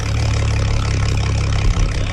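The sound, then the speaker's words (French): A boat's motor drones steadily and loudly out on the water, humming continuously with strong low rumble and a brief dip near the end; no voices are heard. “Tout ce qu'on peut entendre, c'est le ronronnement du moteur.”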